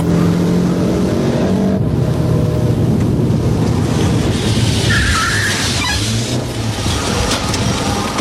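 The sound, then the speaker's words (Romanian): A car driving, with a steady loud rumble of engine and road noise filling the whole stretch, a faint higher whine rising briefly partway through, and no voices. “Nu vrei să oprești mașina?”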